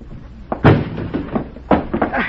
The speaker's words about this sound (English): All right, Juan. Break down the door.